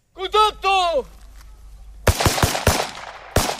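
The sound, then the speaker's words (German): At an improvised military training ground in northeastern Ukraine, a brief shouted command in Spanish rings out, then, during an exercise, soldiers running across grass fire at targets stuck in the ground: a series of sharp, loud gunshots in an irregular burst of about five rounds, each with a short ringing tail. “Ein paar Soldaten rennen über das Gras und schießen auf in den Boden gesteckte Zielscheiben.”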